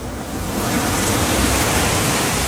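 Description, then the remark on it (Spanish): Steady ocean surf at the shoreline, a continuous broad wash of breaking waves that swells slightly in the first half-second and then holds level, with no voices. “Al fin llegamos a la orilla del mar.”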